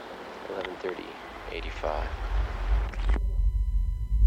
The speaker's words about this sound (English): Buried River. You know, this sort of mysterious, dark, mossy, wet, mysterious place with noises in it. Mossy, wet place.